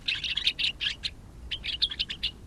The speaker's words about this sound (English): The gray-crowned rosy finch nests in rocky crags at higher altitudes than almost any other North American bird. They forage for seeds and insects along glaciers and icy rock piles, ranging from Alaska to New Mexico.